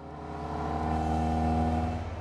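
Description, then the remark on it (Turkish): A car's ST170 engine revs steadily while cornering, its droning harmonic tone holding loud for a couple of seconds with a slight rise and fall, no voices present. “Ve virajı alırken dönemeçte biraz zorlandığımda süspansiyon beni olmam gereken yerde tutuyor.”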